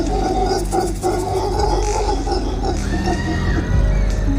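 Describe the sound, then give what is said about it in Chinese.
Mantled howler monkeys in a rainforest roar their alarm calls at a jaguar, a loud, continuous chorus of deep, throaty grunts and guttural roars that overlap and pulse without pause. “多亏了鬃毛吼猴，方圆几公里内的动物都发现了这只美洲豹。”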